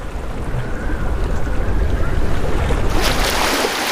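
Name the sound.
wind over the sea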